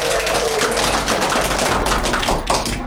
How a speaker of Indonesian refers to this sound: Yuk beri tepuk tangan yang sangat meriah.